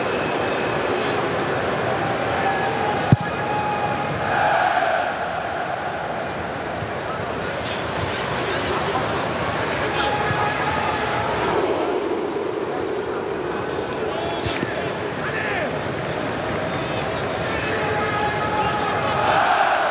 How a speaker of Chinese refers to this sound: 大家现在可以听到现场挪威队的球迷整齐划一的进行维京战吼。